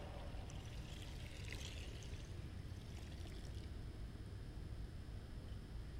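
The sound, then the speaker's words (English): Water pours and splashes in a steady, rushing stream, with a brief brighter burst of splashing early on, continuous, no voices present. “The water is wild.”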